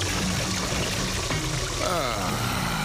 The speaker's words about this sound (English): Here comes the water.